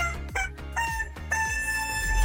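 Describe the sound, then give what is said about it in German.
A pop tune rendered as shrill, chicken-like squawks and crowing over a steady thumping beat, loud, with no talking. “Das verrückte Huhn hat aber nicht Guten Morgen gekräht, sondern einen Hit aus dem besten Mix gequietscht.”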